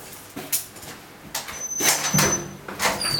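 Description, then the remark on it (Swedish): A heavy cell door at a youth prison in Eidsvoll, Norway, slides and clanks shut, followed by metallic scraping and clicks of a lock engaging, with a faint ringing metal tone over a quiet indoor hum. “Det är nog en påverkan det att man lockar igen en dörr som du inte kan öppna från insidan.”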